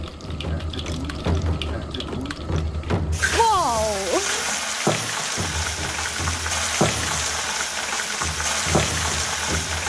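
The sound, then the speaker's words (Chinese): Beef chunks for Yi-style stone-cooked tuotuo meat hit river pebbles heated to about 400°C in melted beef tallow with a sudden loud sizzle that keeps hissing steadily, while the stones clack now and then as they're stirred, after a brief squeal early on. “等牛油完全融化后，把牛肉块下锅翻炒。”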